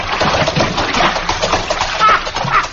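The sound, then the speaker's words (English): Someone tumbles into a water trough, with loud splashing and sloshing that churns steadily for a few seconds. No voices are heard. “Hey, do you always do your swimming in the water and trough?”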